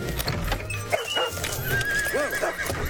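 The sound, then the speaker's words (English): A rider's horse, startled by a person, whinnies loudly, its shrill neigh rising and falling, with hooves clattering and shuffling on hard ground and a dog barking faintly in the mix. “It's not my horse's fault, lad.”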